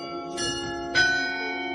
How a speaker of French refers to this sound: Alors, peut-être à l'autre bout de tout ça, ou quoique, il y a aussi les carillons de Verviers, les carillons de Notre-Dame, qui seront là en prestation quelque part, enfin, qu'on entendra évidemment à un certain moment pendant le festival.